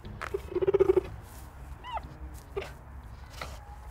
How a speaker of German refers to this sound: Gepard Obelix schnurrt